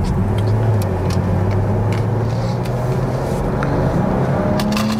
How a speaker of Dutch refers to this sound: Ah, luister, maar die motor is echt wel lekker, hoor. Het is echt een uitgerijpt concept, maar ook overigens de BMW 4-serie Grand Coupé.